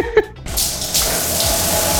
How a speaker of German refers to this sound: Wasser aus der Dusche.